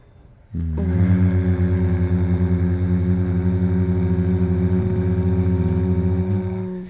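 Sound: person humming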